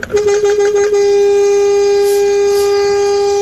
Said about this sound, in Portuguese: E pra tu que não acordou ainda, uma buzinada, né?